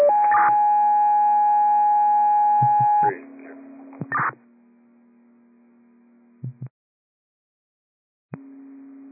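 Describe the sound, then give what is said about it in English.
A loud two-tone radio dispatch alert for ambulance unit Med-7: a long steady high tone, then a lower sustained tone that fades, brief static bursts between them, a short silence, and the lower tone returning at the end. “Copy Med-7, receive tones.”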